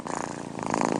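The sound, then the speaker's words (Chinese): A domestic cat purrs steadily, a continuous rumbling with a soft pulsing rhythm that grows slightly louder toward the end, with no talking. “猫感到放松时会打呼噜”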